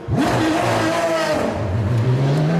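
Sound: race car engine passing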